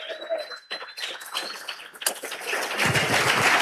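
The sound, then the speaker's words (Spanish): An audience breaks into applause for God, scattered claps quickly thickening into a dense, loud, sustained roar of clapping. A thin high whistle-like tone rises briefly near the start. “Denle un aplauso fuerte a Él.”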